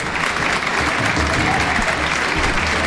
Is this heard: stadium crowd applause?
yes